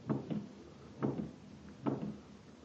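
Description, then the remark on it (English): Three slow, heavy footsteps thud at an even pace, muffled, as someone walks outside a room toward its door. No voices are heard. “At the sound of footsteps outside his room, he stops pacing, eyes staring wildly at the door.”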